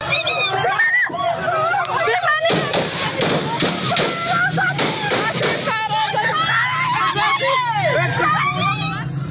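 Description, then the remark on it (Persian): A loud crowd of protesters shouts slogans for the right to education, work and freedom outdoors, in protests against the Taliban's detention of women and girls, voices overlapping in a dense hubbub, with sharp bursts and cries rising above the steady din. “معترضان شعارهای مبنی بر حق تحصیل، کار و آزادی سر می‌دادند.”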